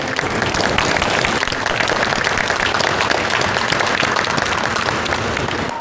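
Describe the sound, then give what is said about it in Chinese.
Contestants at a restaurant competition applaud themselves steadily, many hands clapping in a dense, even wash of sound that stays loud from start to finish without any voices. “所以希望你们每一位都应该给自己鼓鼓掌，你们非常厉害。”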